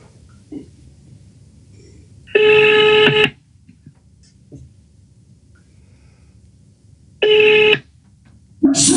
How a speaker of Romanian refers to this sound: Domnul Lucian, eu tot mai sun o dată, așteptați un pic.